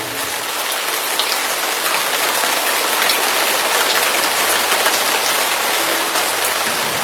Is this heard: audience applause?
no